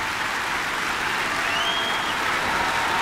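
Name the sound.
concert audience applauding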